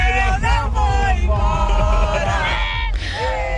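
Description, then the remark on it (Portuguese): A large stadium crowd of national-team football fans, after a rout of Scotland, cheers and chants loudly, many voices overlapping in sustained, sung yells that rise and fall continuously, with no clear individual speech. “E a torcida tá como? Não querendo ir embora!”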